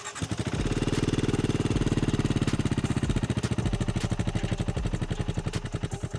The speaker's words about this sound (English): And if you're wondering whether it sounds like the Bear 650, the answer is no, absolutely not. It has a very distinctive exhaust note, which feels slightly busy, but crummy, if anything.